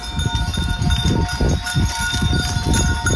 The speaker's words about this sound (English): Sounds like it could be from a monastery of some kind. Felt very relaxing and meditative. I was just like, oh, there's chimes and bells, maybe of prayers being said by people on the hills.